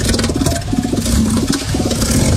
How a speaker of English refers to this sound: No, that's an elephant seal. Elephant seal.